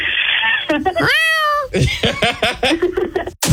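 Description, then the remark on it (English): A loud, drawn-out cat meow rises and falls in the middle, surrounded by lively chatter and a bit of laughter from people talking. “I have about 20 cats. Oh my gosh, she's a crazy cat lady, y'all.”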